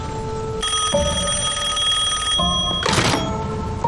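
A telephone bell rings in a bright, sustained metallic trill with steady overtones, pausing briefly before a burst of noisy clatter, with no voices present.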